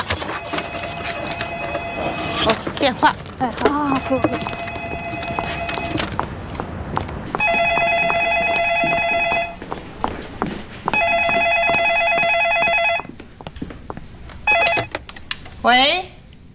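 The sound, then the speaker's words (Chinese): A telephone rings at the Ousheng Coffee shop in repeated electronic trills, first under people talking, then two loud, sustained rings standing clear before a brief bit of speech. “哦，电话， 哎，好好，不。”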